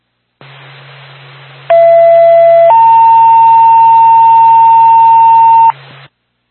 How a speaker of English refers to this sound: Point State, the Haverhill Fire Department, stand by for tone.